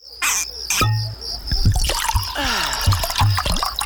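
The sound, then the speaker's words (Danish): Water of an underground stream in the caves of Mønsted Kalkgruber trickles and gurgles steadily, with small bubbling splashes and drips over a continuous wet rush, moderately loud, with no voices. “Gå på opdagelse i 4 km underjordiske gang med grotter så store som domkirker og rislende vandløb og underjordiske søer.”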